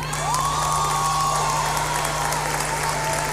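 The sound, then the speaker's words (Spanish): An audience cheers and shouts over steady applause as a vocal group's members are introduced on stage, with one long, high whoop or whistle gliding slightly downward. The roar stays loud and constant throughout, over a low steady hum. “Eso, griten, griten.”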